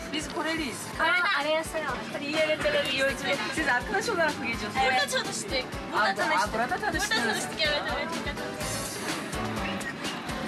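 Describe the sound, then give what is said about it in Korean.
Several young travelers chat and laugh over one another in a train sleeper car, a lively, continuous babble, with a steady low rumble of the moving train underneath. “소문대로 침대칸은 젊은 여행객들로 가득합니다.”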